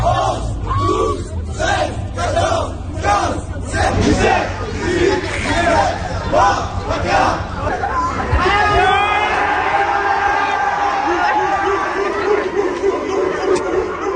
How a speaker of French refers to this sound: Alors, vous devinerez avec l'enthousiasme de la foule qui était formée de lycéens autour que c'est le lycéen qui a battu le policier.